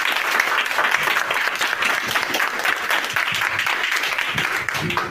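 A class of pupils breaks into sustained applause for a correct answer in a school quiz, many hands clapping in a dense, steady patter that stays loud for several seconds before tapering slightly at the end.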